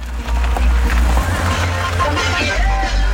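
A line of small motor vehicles rumbles past close by, their low, throbbing engines droning steadily with a few uneven surges, over a wash of outdoor noise.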